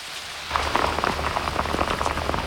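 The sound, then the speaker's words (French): Rain drops patter rapidly and unevenly on a hood, a dense stream of light taps starting abruptly after a brief quiet moment and continuing steadily over a low rumble. “Oh, mais vous avez fini de cogner sur ma capuche?”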